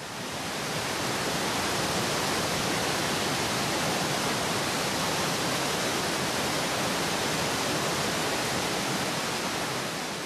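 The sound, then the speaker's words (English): Europe's largest waterfall, a few kilometers down the river from Schaffhausen, roars steadily and loudly as the water plunges some 23 meters, a dense unbroken rush of crashing water filling the whole clip with no pauses or voices. “Loud thundering and roaring is guaranteed at Europe's largest waterfall, where the water plunges some 23 meters into the depths.”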